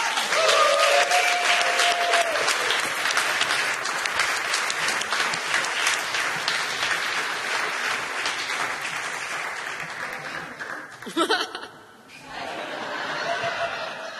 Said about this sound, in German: Und es ist, Applaus bitte